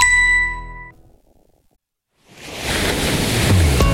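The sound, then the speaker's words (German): A bright bell-like ding rings out and fades, followed by a short pause before the steady, broad wash of ocean waves surges in and rolls on loudly. “Chefin, stell dir vor, ein lauer Maiabend, das Meer glitzert.”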